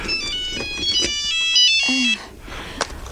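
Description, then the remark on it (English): A mobile phone ringtone plays a bright, stepping electronic melody for about two seconds, fairly loud, then cuts off, leaving faint background noise and a brief murmur; the phone rings during an interview. “Sorry, my phone's ringing.”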